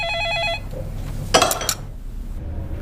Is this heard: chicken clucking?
no